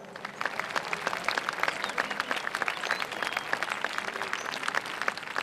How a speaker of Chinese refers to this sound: 下面让我们掌声有请工程总指挥中科院陈院士。